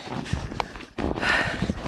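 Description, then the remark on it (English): Dogs trudge through deep, light and fluffy snow with no trail, beside a person on snowshoes, with a steady run of soft crunching steps and rustling. Brief heavy breaths or snorts come through, with no talking. “The dogs are having a tough time moving through it though because there's no trail.”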